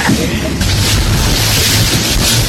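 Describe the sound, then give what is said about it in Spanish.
A motorboat on a recreational ride runs steadily across choppy, wavy water on Lake Ilopango at the Apulo recreational park, its low engine drone mixed with loud rushing wash and wind buffeting the microphone, with no pauses. “Pasear en lancha en el lago de Ilopango es parte de la diversión, un viaje de recreo que nacionales y extranjeros disfrutan al visitar el parque recreativo Apulo.”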